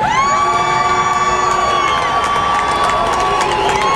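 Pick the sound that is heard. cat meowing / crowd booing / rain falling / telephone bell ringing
crowd booing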